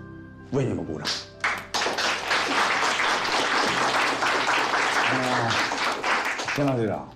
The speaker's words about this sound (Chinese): 你们就是英雄。为你们鼓掌。